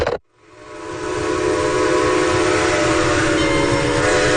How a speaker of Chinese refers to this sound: 登上从杭州开往上海的火车